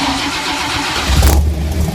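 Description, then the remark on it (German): A 1967 Ford Mustang V8 car engine cranks and fires up about halfway through, bursting into a loud, deep rumble that revs briefly and settles into a heavy idle. No voices. “Ja, es ist ein Ford Mustang, Nightmare.”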